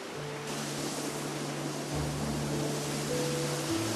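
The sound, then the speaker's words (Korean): A waterfall on Jirisan mountain in South Korea roars steadily and loudly, a dense, continuous rush of water with no pauses. A faint low hum runs beneath it, and no one speaks. “폭포를 벗삼아 나누는 시원한 차 한 잔도”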